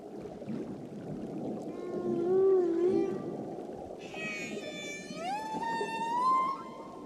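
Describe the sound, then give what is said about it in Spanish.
Underwater whale song: long, wavering moans rise and fall, joined midway by higher, layered squeals and a final upward-sliding call, all over a steady low rumble of ocean noise. “Hay comunidades en las Islas Cook que tradicionalmente consideran a las ballenas como deidades.”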